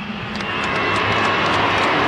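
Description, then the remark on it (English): A large stadium crowd, with more New South Wales than Queensland fans, boos Queensland skipper Cameron Munster as he is welcomed to the stage, a dense, steady roar of many voices that holds without a break for about two seconds. “It's interesting they're booing him, but there's more New South Wales people in this stadium than there are Queenslanders.”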